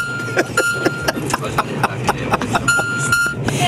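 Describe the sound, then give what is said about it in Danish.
A thin, steady electronic beep from a train's loudspeaker system sounds in two drawn-out stretches over a rumbling, clattering background; it was the only sound the loudspeakers produced, whenever there should be an announcement and also when there shouldn't. “Altså, så hver gang, der skulle være lyd i højtaleren, ja, så var det den der irriterende biplyd.”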